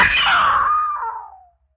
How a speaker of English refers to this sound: Yeah, I screamed. What good was that?